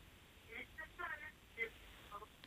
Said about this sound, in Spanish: Ai, a ver se lle podes baixar a radio ou a tele o que teñas posto, porque hoxe...